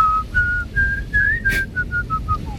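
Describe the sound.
A short whistled melody, a string of clear, steady high notes in a simple tune rising slightly then stepping down, with a faint breathy burst midway and low background rumble.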